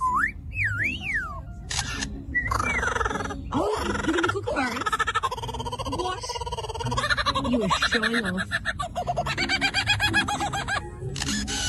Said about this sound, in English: Now, I knew they did this. Hold on, but that's not a kookaburra. That, no. It's just a different bird.